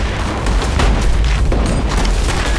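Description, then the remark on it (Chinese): Loud, continuous battle noise from fighting that has broken out to the south: a deep rumbling roar of explosions with sharp gunshot cracks breaking through, dense and unbroken, with no voices. “南边开打了，听着枪声，动静还不小。”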